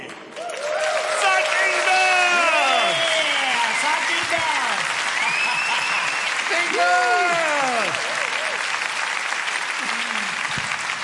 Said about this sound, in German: So muss das sein. Alle machen mit, alle klatschen mit und alle tanzen mit.